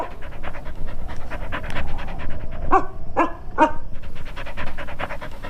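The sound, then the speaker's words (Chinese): A patrol team's dog pants rapidly and steadily, with a brief run of three high, whiny yelps breaking in partway through before the panting carries on. “这是巡逻队的狗，我喂它吃过东西。”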